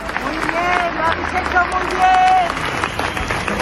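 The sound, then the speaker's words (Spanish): A large crowd at a memorial march applauds steadily outdoors, paying tribute with flowers, candles and lit mobile phone lights, many hands clapping in a dense, continuous patter, with scattered voices and calls rising over the clapping throughout. “Murió el miércoles, como les digo, y ayer esa marcha, que a ratos avanzó en un profundo silencio, quiso rendirle homenaje con flores, velas, con las luces de los móviles encendidas y con aplausos.”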